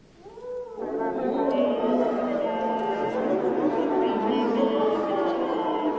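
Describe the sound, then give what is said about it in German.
Several brass instruments produce eerie, overlapping tones as players sing into them, creating a dense, howling chord with sliding pitches that swells quickly and then holds loud and steady, almost like wolves howling. “Oder manchmal wollen die Komponisten und Komponistinnen auch, dass die Blechbläser in ihre Instrumente reinsingen.”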